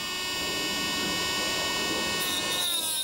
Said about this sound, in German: Und deshalb machen wir die jetzt ein Stück kürzer. Skibrille auf, Motor an. Was Diamanten schneidet, geht auch durch Alpaka-Zähne.